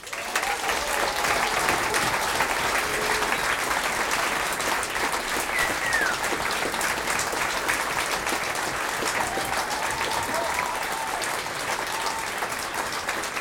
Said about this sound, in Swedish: Och det är verkligen en ära att få presentera upp henne här idag. Ge henne en varm applåd.